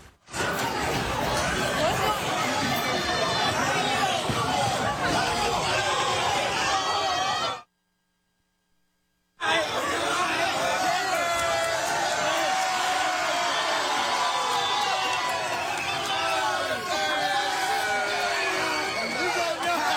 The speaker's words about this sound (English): Many of us recognize the scene from our days in high school. Yeah, a lot of commotion, circle forms, people start yelling. Yeah, sure enough, scrap is broken out, right?